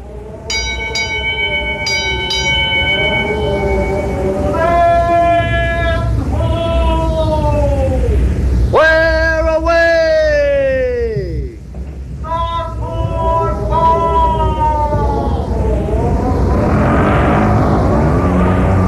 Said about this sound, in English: The creak of the rigging? Listen to the wind whip the sails. Yes, boys and girls, Sailor Sam's big schooner, the Porpoise, plunges swiftly through the waves, eager to serve her master.